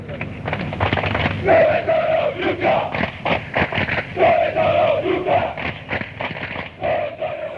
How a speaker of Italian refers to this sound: Dove sono l'ultra, questa si grida alla tifoseria avversaria quando loro non si presentano lì, o quando sono in pochi, o quando arrivano tardi. O quando non ci sono davvero.